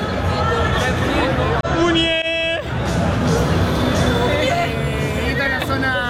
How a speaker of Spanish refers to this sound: Está el muñeco acá arriba. No sé si se lo llega a ver. Está la gente acá gritándole a la muñeca.